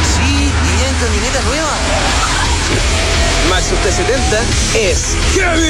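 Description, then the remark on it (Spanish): A Maxus T70 pickup truck's 2.5-litre turbo diesel engine roars loudly and steadily, with a rough, gritty rumble, while voices talk over the engine noise. “Oye, ¿ese no es el carro?”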